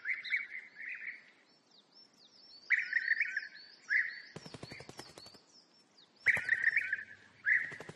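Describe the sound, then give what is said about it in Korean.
Birds chirp and trill in a forest, with bright, high-pitched calls coming in repeated bursts and a thin continuous twittering above, broken by a few sharp crackly rustles; millions of birds have returned to the forest from the south to mate and build nests. “지난 겨울 추위에 쫓겨 남쪽으로 떠났던 수백만 마리의 새들도 짝짓기를 하고 둥지를 짓기 위해 서둘러 숲으로 돌아왔습니다.”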